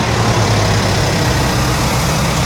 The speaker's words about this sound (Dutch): We gaan even luisteren naar de motor. Eens even kijken hoe rustig u er hier vandoor gaat.